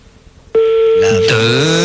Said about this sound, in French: Là, je donne 3 sonneries, ça décroche.